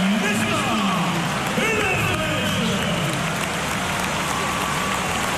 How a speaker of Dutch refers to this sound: Applaus is groot voor hem en ook voor de invalbeurt van Esteves.